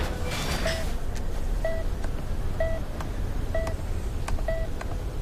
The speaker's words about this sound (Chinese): 电话。 接。 我出去接。